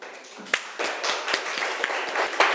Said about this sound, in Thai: ขอเสียงปรบมือให้เพื่อนของเราหน่อยค่ะ